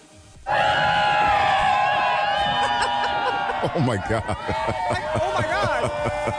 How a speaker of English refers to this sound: And then they get excited because they see a bunch of people on inner tubes floating down this river. Okay. And they're hyped because, of course, the whole crowd is hyping them up. And it sounded like this.